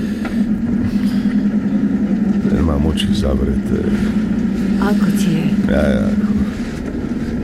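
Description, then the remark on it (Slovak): An old ambulance, carrying an old man with a fresh plaster cast on his leg, drives along with a steady, low engine drone and rumble throughout, while people talk over the constant hum. “Ako starcovi, ktorý leží v starej sanitke s mladou sadrou na nohe.”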